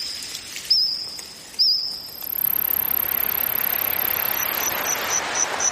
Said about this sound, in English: Insects chirping, trilling and squawking there, making up the soundtrack of a new Steven Spielberg series called The Dinosaurs.